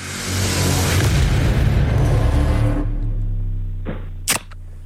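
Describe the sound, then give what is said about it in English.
A long fizzing hiss gives way to a single sharp pop near the end as a soft drink can is cracked open, with a low steady hum underneath and no voices. “Yeah, soft drink, mate. Lock it in.”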